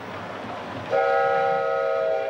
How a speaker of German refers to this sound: Über die Las Animas-Brücke kommt der Zug in das Tal der Büffel, in dem es damals noch Büffel gab.